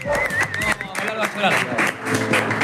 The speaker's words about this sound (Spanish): Hoy tenemos a Néstor en bloque de Sierra. No, mirá, por favor, fuerte el aplauso para Néstor en bloque, vamos, por Dios.